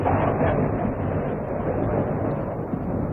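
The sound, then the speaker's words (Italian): A loud, steady, low rolling rumble like storm thunder fills all three seconds, deep and unbroken with no sharp cracks, and no voices, while the sky outside is clear and cloudless. “Cos'è stato? Si direbbe un temporale.”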